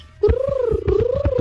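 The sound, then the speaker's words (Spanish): A child's voice imitates a pigeon cooing: a steady, wavering hum with rhythmic throaty pulses running beneath it, fairly loud for just over a second. “te voy a decir cómo suena mi paloma.”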